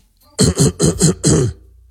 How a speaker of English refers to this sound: Let me clear my throat.